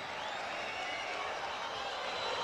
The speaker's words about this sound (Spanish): No, le gritan algunas cositas a Damián Pizarro.